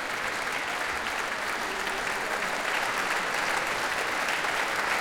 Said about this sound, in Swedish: Och nu kommer George Benjamin ut på scenen och ansluter sig till applåderna också till violinisten här. Och nu får han själv komma fram på scenen och fortsätta ta emot tacket från publiken.